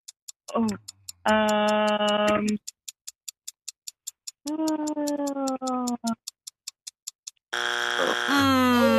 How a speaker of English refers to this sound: That's our buzzer. There's your buzzer.